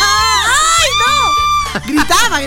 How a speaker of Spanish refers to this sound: Gritaba. Qué terrible.